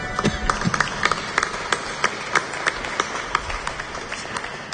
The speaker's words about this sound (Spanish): Amén. Demos palmas al Señor.